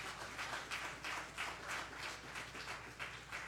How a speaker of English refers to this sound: Come on, give God a hand clap of praise this morning.